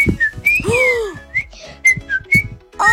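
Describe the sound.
A woman whistles a quick, lively tune, with a string of bright, distinct notes gliding up and down over about three seconds, and no talking.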